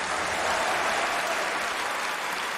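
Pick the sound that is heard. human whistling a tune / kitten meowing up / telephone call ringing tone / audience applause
audience applause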